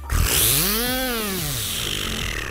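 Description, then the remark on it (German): Someone imitates a whistling New Year's Eve firework bee with their mouth: a loud, buzzy whine that sweeps up in pitch, then glides slowly back down over about two seconds, with no talking. “Ich kann mit meinem Mund eine Silvesterbiene nachmachen.”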